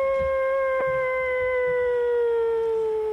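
A single long wolf howl holds one steady, slowly falling tone with clear harmonics, loud, sustained for several seconds with no voices over it.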